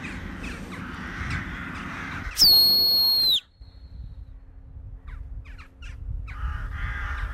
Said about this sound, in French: les petits cris un peu aigus, c'est ouais. Les choucas.